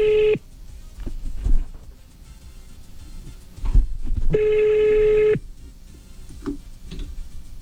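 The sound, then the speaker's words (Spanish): A telephone ringback tone sounds twice, a clipped burst at the start and a full second-long ring later, separated by quiet line noise with a few faint clicks, heard as if through a phone, as a host of A Que No Me Duermo on Tropicana calls a listener from his own phone. “Vamos a probar por mi teléfono.”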